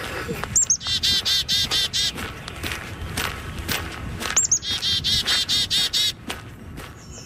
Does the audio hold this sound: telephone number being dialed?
no